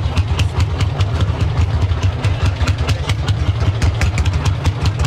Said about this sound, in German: Den Traktor muss man nämlich irgendwie andrehen